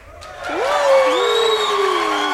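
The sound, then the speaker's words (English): A short, loud burst of crowd applause and cheering played as a sound effect on a fundraising show: steady dense clapping with several voices whooping, their rising yells gliding upward and holding over the noise until it cuts off. “Do we want to hear the applause again?”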